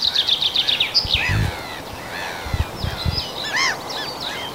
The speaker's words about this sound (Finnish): Ja siellä kirjosieppo kuului tuossa peipon lomassa. Niin se oli, kirjosieppo oli sulle tämän kevään ensimmäinen.